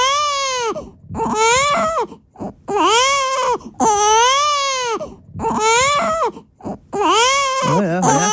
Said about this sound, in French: Est-ce qu'on peut écouter les pleurs de bébé, s'il vous plaît?